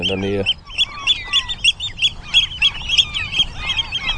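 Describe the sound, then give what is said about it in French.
Loud, piercing calls of a Eurasian oystercatcher repeat rapidly and insistently near its nest, a shrill piping chorus on the Hallig Nordstrandischmoor in June, after a brief low voice at the very start. “C'est un huîtrier pie.”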